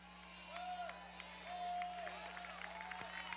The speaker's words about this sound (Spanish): Fuerte ese aplauso.